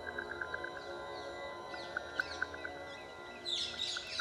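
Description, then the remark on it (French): Rose-ringed parakeets give shrill, harsh screeching calls over a steady series of short chirps, the squawks growing louder and denser near the end, with no talking. “Les perruches à collier forment une espèce grégaire.”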